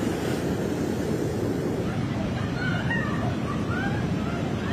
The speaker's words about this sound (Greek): Σε αποκλειστικά πλάνα που κατέγραψε η κάμερα του Άξιον 24 και ο Νίκος Υποφάντης, φαίνεται το ποτάμι να μπαίνει μέσα στο χωριό. Τα νερά κατεβαίνουν με ορμή, παρασύροντας ό,τι βρεθεί μπροστά τους. Τα σπίτια βυθίζονται στις λάσπες.